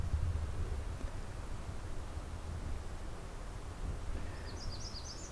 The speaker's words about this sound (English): Bird song. Distant waterfalls, and otherwise it's very quiet.